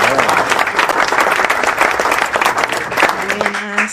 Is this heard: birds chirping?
no